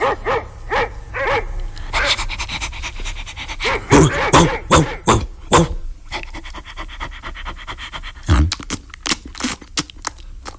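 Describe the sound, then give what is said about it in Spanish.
A large dog barks repeatedly in loud bursts, mixed with panting and high whimpering whines, the barks clustering rapidly before a quieter stretch of soft whimpers and one final sharp bark. “Nuestro hijo se convirtió en un perrote inmenso. Cuidado, no nos vaya a morder.”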